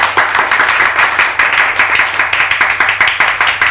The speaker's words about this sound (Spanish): Aplausos desganados de todos, menos de los padres del ganador, que se queman las manos de tanto aplaudir a su hijito sabio.